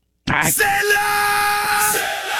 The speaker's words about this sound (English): Right? That ain't a white guy chanting. I mean, it's... And I think it's such a tribal scream that it could be any ethnicity. That's like not ethnic at all. It could be either.